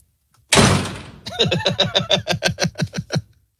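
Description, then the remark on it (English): A heavy thump on a door rings out, followed by a quick, steady series of about a dozen resonant knocks that fade off after a few seconds. “Who's at the door?”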